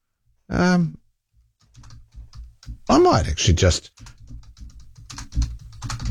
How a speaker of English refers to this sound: I'm just typing into my Google search, are straight jackets used these days?